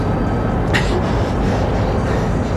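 A train starts to move, a steady low rumble and mechanical drone filling the scene, with a brief hissing clank early on and no voices.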